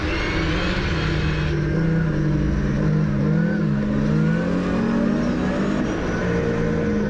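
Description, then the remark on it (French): A rally car on rally tyres is driven hard, its engine revving steadily, the pitch rising and falling with gear changes, loud throughout with constant rumbling road noise. “Après il te faut tirer le moteur, tu vois.”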